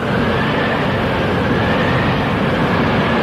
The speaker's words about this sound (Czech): Potom drak ještě jednou mocně fouknul.